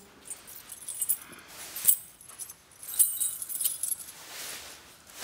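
household object, keys jangling

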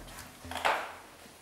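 household object, door being closed

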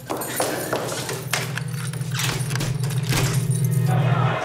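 household object, keys jangling

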